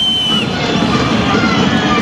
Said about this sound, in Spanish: Ese es el veredicto de la gente de Racing. El silbido en la tercera fecha del campeonato.